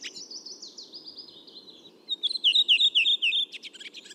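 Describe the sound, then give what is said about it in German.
A redwing sings a series of descending whistled notes followed by a burst of rapid, chattering twitters, clear, over a faint low background hum. “Bei der Rotdrossel ist es so, die haben so 4-5 Elemente, so 4-5-5 Elemente am Anfang so. Und dann kommt genau dieses schöne Schwatzen.”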